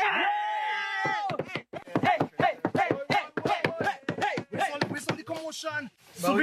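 A rapid, rhythmic pattern of hand knocks and slaps on a tabletop, steady for several seconds, after a short tonal vocal sound at the very start.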